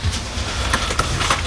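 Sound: electric cart driving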